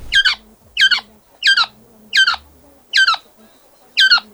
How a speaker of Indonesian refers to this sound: Seekor burung koak tertangkap, terkena jerat mereka.